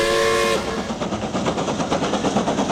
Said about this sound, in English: Steam's up. We're ready for time travel. Well, let's go. Isle of Man steam train time machine is go. All aboard Isle of Man Railway's time train.